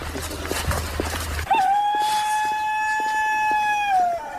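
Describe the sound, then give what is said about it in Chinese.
A rooster crows once in a long, steady call that holds one pitch for nearly three seconds before dropping off at the end, following a brief stretch of rough background noise. Heard on arrival at a home in group 5 of Liuzhou Village, Ganyi Town, Tianmen City. “伴随着这一声公鸡打鸣的声音，我们现在来到的是天门市甘邑镇刘州村五组一位林志颐瘦用户的家中。”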